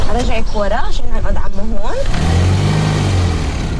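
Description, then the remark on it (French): Indistinct voices fill the first couple of seconds, then a car's engine takes over with a steady, low rumbling hum and broad road noise, fairly loud, as the car drives through the center of Ramallah. “… passe me chercher en voiture dans le centre de Ramallah.”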